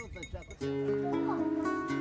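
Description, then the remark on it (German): A short burst of speech gives way to sustained, wavering bleats from several sheep at once on El Hierro, guarded by a shepherd and his dogs, overlapping into a loud, steady chorus that carries on to the end. “Pech gehabt, es gibt nur Schafe.”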